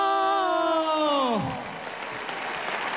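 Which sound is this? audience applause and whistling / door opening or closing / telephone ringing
audience applause and whistling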